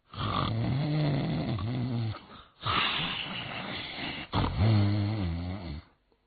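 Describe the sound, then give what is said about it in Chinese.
A man's voice mimics loud, rumbling snoring in three long, drawn-out rasps with brief gaps between them, imitating an old man asleep on a bed in a prison cell. The throaty snores waver in pitch and sound forceful. “干干净净的床上摆着里面三新的新被或新褥子，上边躺着一个人，这呼噜是打得震天响啊！”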